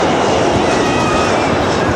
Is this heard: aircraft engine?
yes